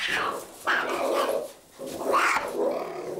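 A three-month-old male cheetah cub, caught in a net for a vaccination, growls and snarls in three harsh, raspy bursts with short pauses between them, fairly loud and rising in pitch at the start of each outburst.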